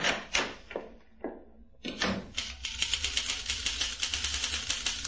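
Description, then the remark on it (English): A few scattered knocks and clunks, then a typewriter starts up in the small waiting room of Fantas and Arbogast Advertising, its keys thumping in a fast, steady stream of sharp strikes, fairly loud, with no one talking. “The typewriter thumps louder.”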